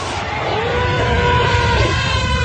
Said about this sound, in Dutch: Want ik weet nu dat fatbikes klinken als een op holgeslagen kudde olifanten. Nou, luister even één keer weer naar het geluid van die film uit 1958. Dit is dus. Ja. Er komen nu de op holgeslagen olifanten.